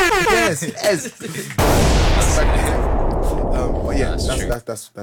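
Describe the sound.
A brief bit of voice, then a sudden loud explosion erupts and roars on as a dense, rumbling blast for about three seconds before cutting off, with voices returning at the end.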